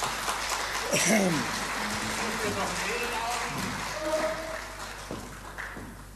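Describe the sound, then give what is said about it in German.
An audience claps steadily for about six seconds for a man from the audience who came forward to take part in a prize game, a dense, even patter of many hands, with voices calling and chatter rising above the applause. “Ein Applaus für den Herrn.”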